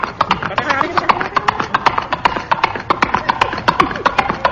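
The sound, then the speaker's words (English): Horse hooves clip-clop in a steady, brisk rhythm of sharp knocks, fairly loud, with faint voices murmuring underneath; the horse is one of Lee's new carriageless horses, used as a car. “Moriarty, dismount and put a brick under the horse.”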